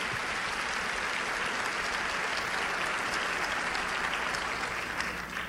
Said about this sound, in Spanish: Así es de que un aplauso para ustedes, mujeres, mujeres valientes.